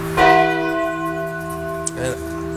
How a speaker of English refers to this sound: Ring the bell, start us up.